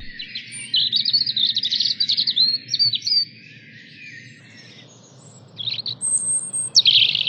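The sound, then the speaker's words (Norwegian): A European robin sings in high, thin, warbling phrases, pausing briefly before another bright burst of notes, over a steady low outdoor rumble. No one speaks. “Ja, det er rødstrupa, og det er en fantastisk grei og karslig fugl å ha rundt seg.”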